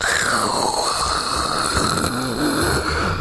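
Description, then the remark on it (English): A voice imitates waves dragging pebbles back on a pebbly beach at Bognor Regis: a steady, raspy, hissing rattle held for about three seconds, with a faint wavering hum underneath and no spoken words. “I went to Bognor Regis many years ago, and I remember being on the beach, and this pebbly beach, that a wave came in, and it pulled the pebbles back, and it went...”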